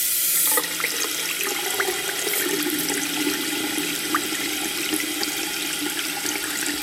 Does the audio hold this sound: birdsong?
no